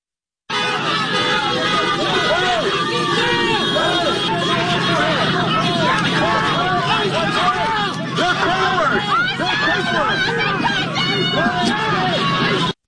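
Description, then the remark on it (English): A loud, agitated crowd shouts and yells at police over one another outdoors in a street, a dense, continuous wall of overlapping voices with faint road traffic underneath, lasting about twelve seconds. “We also know that people gathered on the scene, started freaking out, going nasty at the cops, going across the street, blocking traffic, and doing all sorts of craziness.”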